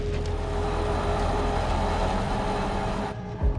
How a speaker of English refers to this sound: Okay, yeah, they've got it back on the wheels. Such a shame. Let's just listen to the engine note. Oh, yeah, that sounds sick as a dog now, doesn't it?